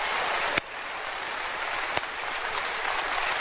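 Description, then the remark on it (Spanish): An audience claps steadily in a dense, hissing wash of applause, giving thanks to God in a church. Two sharper cracks stand out briefly; no one speaks. “Oh, dele gracias a Dios con ese aplauso, por favor.”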